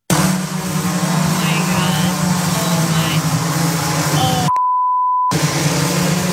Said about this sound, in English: There might have been a cuss word. You heard the beep, maybe.